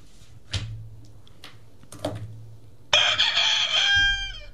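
A rooster crows once, loud, a strained harmonic call that holds and then trails downward, preceded by a couple of brief knocking thumps.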